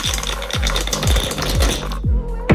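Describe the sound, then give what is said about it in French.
Challenge dice for a game in Besançon are thrown, clattering and rattling in a dense run of sharp clicks with heavier knocks recurring about every half second, loud and steady, then a brief pause and a final knock. “Dès que vous me direz top, on jette les dés”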